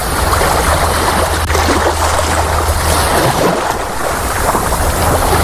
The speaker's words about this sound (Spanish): Bueno, esto que oyes es el mar, es la playa, quizás sea aquí el único lugar donde se puede aguantar de una manera más o menos natural este calor